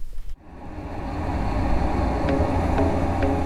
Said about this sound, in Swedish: Och så ska vi spela upp en simulerad trafikmiljö som är ganska starkt ljud. Ligger mellan 75 och 80 decibel.